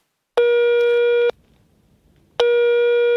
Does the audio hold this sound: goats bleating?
no